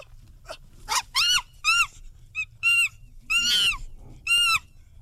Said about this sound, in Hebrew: טוב, בניגוד לצו של מקודם, עכשיו אנחנו יודעים שזה בטוח קופים, נכון?